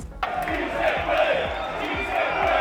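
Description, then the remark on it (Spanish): Thousands of Rayo Vallecano football fans who travelled to Germany for the Conference League final against Crystal Palace chant "Sí se puede" in unison, a dense roar of many voices with a steady rhythmic pulse underneath, staying loud and unbroken after a sudden start. “Sí se puede, gritaban esos miles de rayistas desplazados a Alemania, pues como no, para apoyar a su equipo en su primera final europea.”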